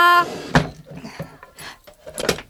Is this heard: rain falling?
no